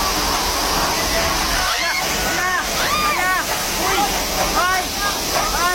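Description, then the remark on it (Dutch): A river in flood in Nepal and Tibet roars with a steady, loud rush of water that fills the whole scene, while voices call out intermittently over the torrent. “In Nepal en Tibet in Azië zijn meerdere mensen omgekomen bij een heftige overstroming van een rivier.”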